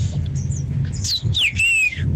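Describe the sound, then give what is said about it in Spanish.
A bird squawk sound effect: a few shrill, sweeping squawks in quick succession, fairly loud, over a steady low rumbling background. “ese que puso el pájaro.”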